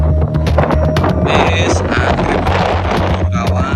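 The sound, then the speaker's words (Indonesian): Strong wind roars and buffets the microphone loudly and continuously, a dense, rumbling rush of air with sharper gusts over the steady low roar, as a fire spreads across dry savanna at Lembah Watangan (Bukit Teletabis), Mount Bromo, East Java, Indonesia, the wind forming dust devils. “Angin kencang juga membentuk pusaran debu atau dust devil sehingga asap terlihat berputar dan bergerak cepat”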